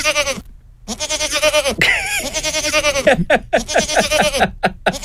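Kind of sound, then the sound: animal, goat bleating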